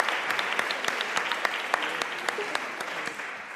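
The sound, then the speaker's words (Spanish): An audience claps steadily, a dense patter of many hands with sharp individual slaps standing out, sustained at an even moderate level with no voices; the applause encourages a shy audience member to come up. “No pasa nada, un aplauso, venga, para animarle a subir.”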